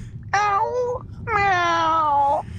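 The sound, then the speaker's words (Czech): A person's voice imitates a cat, one of a series of farm animal imitations, with two drawn-out, whiny meows, the second longer than the first, each sliding slightly downward in pitch over a low background hum. “No a taky kočku.”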